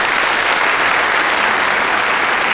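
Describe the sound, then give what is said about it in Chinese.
An audience claps steadily and loudly throughout to welcome the formal start of a performance, a dense wash of many hands applauding at once with no pauses or voices standing out. “大家鼓掌，欢迎演出正式开始。”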